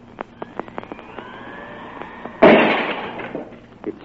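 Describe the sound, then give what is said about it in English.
A sudden sharp blast bursts out midway and a drinking glass on the edge of a table shatters, its crash fading over about a second, after a run of faint clicks and ticks. The glass is shattered by a small, compact machine. No voices. “The glass was shattered.”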